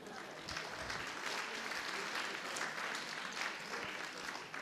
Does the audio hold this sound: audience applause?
yes